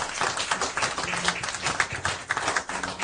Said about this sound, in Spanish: Den un aplauso al Rey de Reyes, está en este lugar.